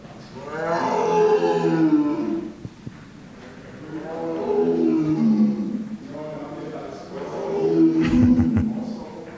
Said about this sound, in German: Ganz am Anfang kann man sehen, riesige Raubkatzen, kleine und große, die ausgestopft sind. Und man kann sie tatsächlich auch hören. Wenn man durch diese Ausstellung geht, gibt es einige Knöpfe, die man drücken kann. Und dann hört man dieses hier.